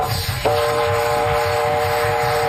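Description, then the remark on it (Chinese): A train draws near, its loud horn blaring in a steady, sustained tone after a brief moment, over a continuous low rumble of wheels on the tracks. “火车来了，快上车，走 快点，快走，快！”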